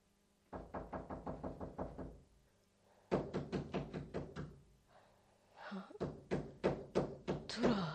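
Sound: knocking on a door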